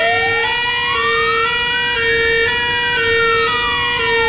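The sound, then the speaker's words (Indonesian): A fire engine siren wails loudly as the fire brigade comes to a longhouse, its pitch rising slowly to a peak and then sliding back down, with a steady droning tone underneath and no voices. “Tidak lama selepas itu, kedengaran bomba bermunyi punya mimo.”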